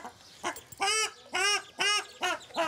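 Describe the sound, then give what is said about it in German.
A female ruddy shelduck on the water, guarding her six ducklings as keepers try to catch her with a net, calls out in a series of five loud, nasal honks, clear, with short pauses between each harsh, goose-like call and no voices. “Die Rostgans scheint die Lage verstanden zu haben.”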